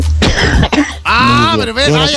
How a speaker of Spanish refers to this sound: vaya a toser por su lado.